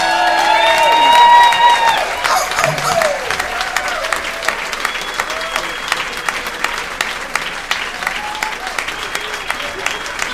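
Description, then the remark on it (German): An audience at a premiere claps enthusiastically to welcome Heiko Volz and Volker Lang, the original voices of Äffle und Pferdle, in a dense, steady roar, with cheering and high whistled calls rising over it early on, loudest in the first two seconds before settling into sustained applause. “Begrüßet mit einem Wahnsinnsbeifall Heiko Volz und Volker Lang die Originalstimme vom Äffle und Pferdle.”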